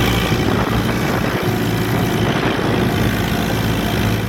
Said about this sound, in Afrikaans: Hoor jylle daar, hierdie man is op sy trekker, hy het een video gemaakt, waar hy op sy trekker bezig is om te ploeg, want die grond is nat, hulle moet ploeg, hulle moet plant, hulle moet lekker gaan, hoor hom bykie.